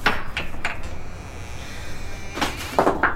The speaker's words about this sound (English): Now open that coal shed door. Why, though? Never mind why. Just open it.